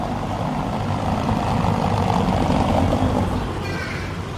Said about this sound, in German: Hören Sie mal genau hin, wenn dieses Auto über das Kopfsteinpflaster rollt und wie es ganz plötzlich leiser wird.